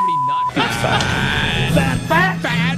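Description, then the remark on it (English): A 'fat alarm' sound effect, made of four fat alarms combined, blares: a brief steady beep, then a loud, buzzy sustained tone that breaks into warbling, wavering bursts toward the end. “is this all the same alarm, or have you matched in multiple fat alarms into one?”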